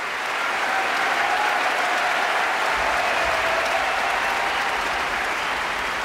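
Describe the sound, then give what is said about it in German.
Thunderous applause from a large, sold-out concert audience in the Helmut-List-Halle in Graz for an eight-voice vocal group from Great Britain, a dense, steady roar of clapping that stays loud and even for the whole stretch, with no voices standing out. “gibt es tosenden Applaus für 8 grandiose Stimmen aus Großbritannien von der ausverkauften Helmut-List-Halle in Graz und das völlig zu Recht.”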